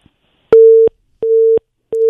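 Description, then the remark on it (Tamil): A phone busy tone after a caller's line dropped during a phone-in programme: three steady, mid-pitched beeps, each lasting about a third of a second, evenly spaced by short silences, clear and fairly loud with no talking. “Okay, அவரோட line பார்த்தீங்கன்னா cut ஆயிடுச்சு.”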